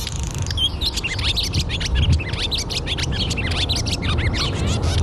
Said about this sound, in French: c'est l'hirondelle qui annonce le printemps, enfin pas toujours, mais l'hirondelle rustique que je propose d'écouter, enregistrée par Tom Stewart.